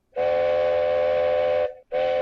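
A train's triple-toot whistle sounds a loud, steady, reedy blast lasting about a second and a half, then after a brief pause a second toot begins and is cut off. No one speaks.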